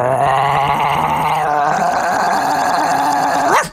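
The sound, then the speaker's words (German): A person imitates a big dog's growl: one continuous, rough, gravelly voiced rumble that holds steady for a few seconds, then rises sharply and cuts off. It is loud, with no talking. “Der Hund wird immer größer.”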